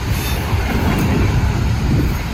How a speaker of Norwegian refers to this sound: et tog på vei mot Sverige